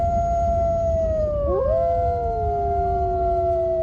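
Several wolves howl together in long, sustained, wavering tones whose pitches glide and cross one another, over a steady low rumble of background noise, with no one speaking.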